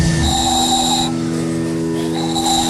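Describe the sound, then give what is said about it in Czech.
A small handmade ball-shaped whistle, made by a stallholder at a town festival in Pernink in fine weather, is blown in two steady, breathy tones separated by a short pause, fairly loud over a constant airy hiss. “Vyrábil jsem tady takový kuličky, do toho se fouká a se toho robí taková píšťalka.”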